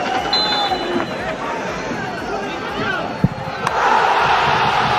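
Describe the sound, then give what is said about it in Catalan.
A football stadium crowd at Sabadell's Nova Creu Alta roars in a dense, continuous wall of voices, with a sharp thud partway through, then surges louder into euphoric cheering for the final second as Urri scores an 89th-minute penalty for a 3-2 win over Córdoba. “Tres a dos, ahir contra el Córdoba, amb un gol de penal d'Urri al minut 89 i que va fer esclatar, com escolteu, d'eufòria la nova Creu Alta.”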